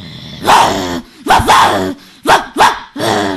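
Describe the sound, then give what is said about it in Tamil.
A schoolchild's voice imitates an aggressive, snarling fighting dog in a school mimicry performance, barking five rough, throaty times in an uneven rhythm, with short pauses between barks. “இது பேர் சண்டை நாய்.”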